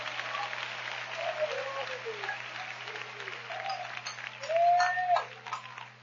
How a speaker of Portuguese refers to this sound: Podem aplaudir porque ele te valorizou.